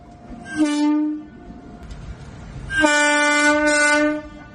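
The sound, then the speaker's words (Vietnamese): A train horn sounds twice, first a short blast of about half a second, then a longer, louder one lasting over a second, both rich and harmonic over a low rumble of rail noise. “Tiếng còi tàu năm ấy đã đánh dấu một chặng đường xa nhà của Đồng Thị Hải Yến và cũng là chặng đường mà em phải tự đối mặt với thế giới của riêng mình.”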